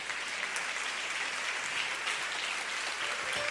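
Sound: audience applauding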